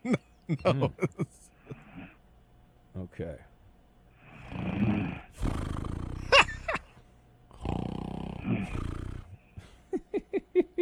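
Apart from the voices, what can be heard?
person snoring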